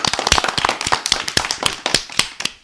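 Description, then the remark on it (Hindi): Audience applause for a child who has just played the bansuri flute: many hands clapping in a dense, irregular patter of sharp claps that holds steady for a couple of seconds, with no voices. “तो भाई जोरदार तालियां हो जाए”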